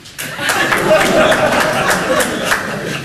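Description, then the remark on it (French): Scattered applause from an audience, a few hands clapping unevenly for about three seconds in answer to whether anyone cannot stand small racist jokes, the speaker counting two, mixed with light chuckling and crowd murmur. “Du coup, par applaudissement, est-ce qu'il y a des gens ce soir qui ne supportent pas les petites blagues racistes? Par applaudissement.”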